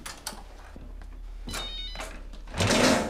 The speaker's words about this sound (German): Das ist mein Handy.